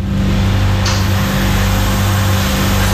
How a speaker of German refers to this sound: Der Kühlschrank, der bei dem Wetter heute wieder Gold wert ist.